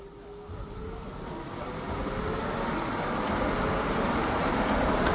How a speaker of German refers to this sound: Und so, das ist der Klang von der Straßenbahn. Den haben wir jetzt eingefangen. Die Straßenbahn ist schon weg. Aber wir können sie immer noch hören.